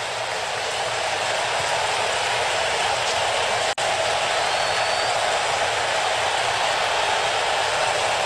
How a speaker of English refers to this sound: And 0-2 on Harper, and here comes the crowd.